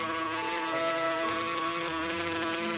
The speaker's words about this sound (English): According to the tradition, when Rita was a baby, bees would fly down onto her lips and leave honey on them.